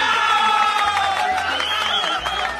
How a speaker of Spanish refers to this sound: Muy bien, aplauso.